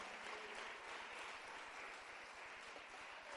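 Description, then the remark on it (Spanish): An audience bursts into sustained applause for the Lord, many hands clapping in a dense, even wash of sharp claps that holds steady throughout without fading, and no voices stand out. “Démosle un aplauso al Señor en este día precioso.”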